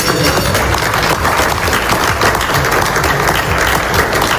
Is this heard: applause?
yes